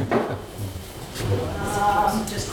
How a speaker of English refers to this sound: It's an awkward one, so I don't know. Sorry to make this part of my presentation. Observe me while I move a chair.